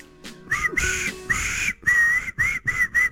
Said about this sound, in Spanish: Vamos con ese silbido, dale.